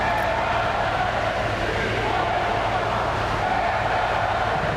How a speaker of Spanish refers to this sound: Como en años anteriores, se han escuchado abucheos e insultos a la llegada del presidente.